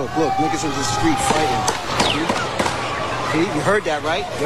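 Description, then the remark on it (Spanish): Several sharp, loud gunshots go off at irregular intervals during a shooting in Times Square, New York, recorded in tourists' videos, cracking through a steady background of voices and crowd noise. “Podemos escuchar el sonido de los disparos.”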